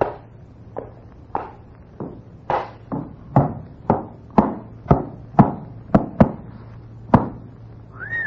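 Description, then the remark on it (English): Hooves of a horse being led in through a door clop on a hard floor in an uneven walking rhythm, a dozen or so sharp knocks over a low steady hum, ending with a brief high squeak. “I have got a horse out here. Bring him in.”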